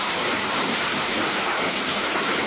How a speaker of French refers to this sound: Le bruit de la pluie et des orages parfois violents comme ici à Compiègne dans l'Oise qui se sont déchaînés donc hier dans la nuit et dans la soirée également dans de nombreux départements.